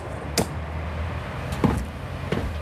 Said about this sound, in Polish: Leszek chyba jeszcze tankuje samochód.